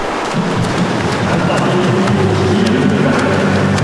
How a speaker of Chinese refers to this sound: 我们可以听到现场的这个通气声啊，运动员啊，滑笔、打水的声音噼啪啪的，可讲竞争程度是相当的激烈。